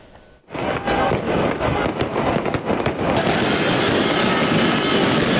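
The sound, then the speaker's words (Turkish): Fireworks crackle and pop in a dense, continuous barrage after a brief quiet start, loud, with sharp bursts layered over a constant rumbling wash, set off in Şırnak to celebrate a win by Ahmet Sportif Faaliyetler. “Atılan havai fişekler 3 iş yeriyle bir araçta yangın çıkardı.”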